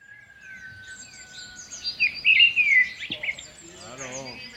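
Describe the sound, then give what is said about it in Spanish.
Small birds chirp and tweet in a busy, high-pitched flurry that peaks midway, with a steady thin whistle underneath; a voice briefly starts speaking near the end. “Nah, a mí los pajarinos y cosas así.”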